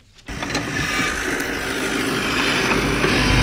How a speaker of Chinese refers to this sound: 在八五五农场的大豆田里，大马力拖拉机正牵引着汽车式施肥播种机紧张作业。